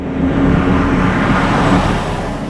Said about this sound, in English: Heavy trucks hauling all sorts of materials rumble down the rural roads surrounding Intel's New Albany site.